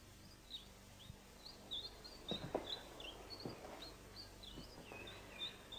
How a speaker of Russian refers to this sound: Когда мы снимали квартиру, этой маленькой комнатке Алеша обрадовался больше всего. Да, он построил здесь эту клетку и напустил в нее синиц. Алексей их очень любит.